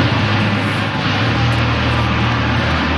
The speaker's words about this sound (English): As the 9-jet aerobatics team soared overhead, there was plenty of emotion on the ground, particularly among volunteers who have watched the team perform over the city's lakeshore every year.